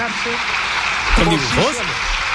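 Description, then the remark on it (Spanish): Steady, dense clapping from the government benches in parliament fills the whole stretch as an even hiss-like patter, with a voice briefly speaking over it midway. “Oye, oigan, hay bastantes aplausos al final de todo el gobierno, salvo de una persona.”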